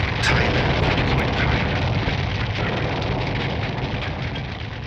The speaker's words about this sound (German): Der Pilot muss die Kontrolle verloren haben. Er sieht den Wagen von der Straße in ein angrenzendes Feld, als es einen lauten Knall und eine gewaltige Explosion gibt. Rauch, Trümmer, brennende Flugzeugteile.